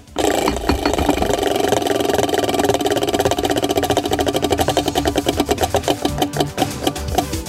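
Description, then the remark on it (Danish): A prize wheel, spun hard, spins with a rapid, steady rattle of clicks that gradually slows, the individual ticks growing more distinct and spaced out near the end. No one speaks. “Rasmus, drej på hjulet.”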